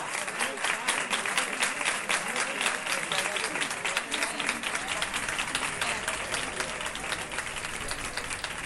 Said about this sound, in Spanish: Ese aplauso que se ha escuchado en la calle, bendición de Dios, en la recogida de Nuestra Señora del Carmen Coronada, que está llegando a su fin en este 16 de julio para la historia,